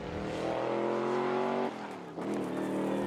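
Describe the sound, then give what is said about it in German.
A car driven at full throttle on a short joyride: the engine revs hard and climbs steadily in pitch, drops briefly at a gear change, then roars upward again. The loud, continuous motor sound carries no talking. “Einmal richtig Gas geben.”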